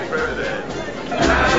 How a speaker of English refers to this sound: … weave through the parade crowd.